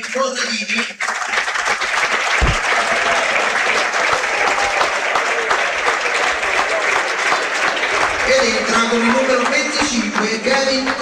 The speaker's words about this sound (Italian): Naturalmente il cambio viene effettuato lo stesso, entra con il numero 25 Kevin Gorica ed esce con il numero 8 proprio Giovanni Corradini a prendersi l'applauso del pubblico.